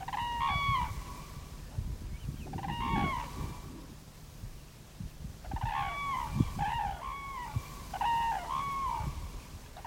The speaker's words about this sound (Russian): А если направление полета птицы неопределенно, или она появляется внезапно, в этом случае нужна расторопность, чтобы вовремя успеть уловить в микрофон, например, курлыканье пролетной стаи журавлей.